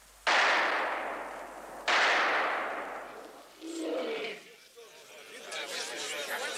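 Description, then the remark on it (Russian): Two loud rifle shots, explosive bullets that strike a lion in the head, ring out about a second and a half apart, each trailing off in a fading echo, followed by a burst of agitated voices and commotion. “Две разрывные пули угодили льву прямо в голову”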